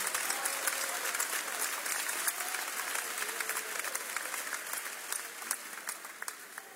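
A church audience breaks into sustained applause for Jesus after being told to sit down. The clapping is dense and rapid at a steady, fairly loud level for several seconds, with a few faint voices mixed in underneath.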